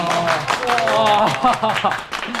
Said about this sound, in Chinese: 鼓掌